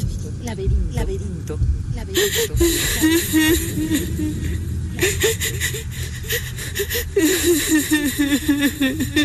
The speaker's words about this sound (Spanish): Hay alguien que está llorando. Son los sollozos de una mujer. Es el llanto de la ninfa Eco.